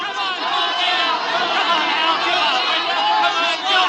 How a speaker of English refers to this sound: Then came a night, long after, a nightclub in Hollywood. The crowd yelling.